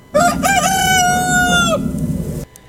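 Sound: rooster crowing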